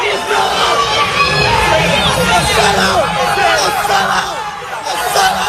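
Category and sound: crowd, people screaming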